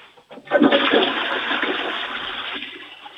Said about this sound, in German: Das ist ja eine tolle Klospülung.